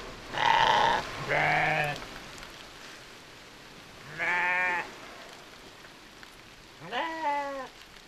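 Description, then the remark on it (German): Sheep and lambs bleat four times in close succession, some calls higher and some lower, with pauses between them over a steady hiss of rain. “An dem Schaf, da, an dem Hinterlauf, da kann man an dem Lamm gut sehen, wie die Wolle das Wasser abstößt und es langsam hinten abläuft.”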